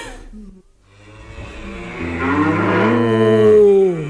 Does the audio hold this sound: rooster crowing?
no